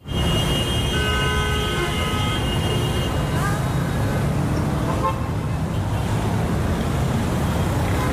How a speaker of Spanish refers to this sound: A veces hace falta parar o en este caso prohibir la circulación de coches para darnos cuenta del impacto que tiene ya solo a nivel de sonido, ¿verdad?